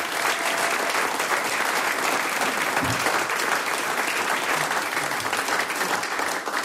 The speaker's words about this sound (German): Applaus für den gemischten Chor Bad Leupersdorf.